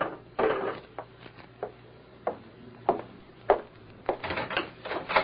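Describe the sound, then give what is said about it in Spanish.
A door rattles and thumps as it is worked open and shut at night, a string of sharp knocks and clatters with a longer scraping rattle near the end, and no voices. “¡No cierre! ¡No cierre la puerta, vieja desgraciada!”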